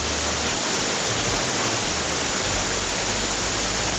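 Heavy rain pours down in Chillán in a steady, dense roar, loud and continuous across the whole stretch with no pauses and with no voices over it.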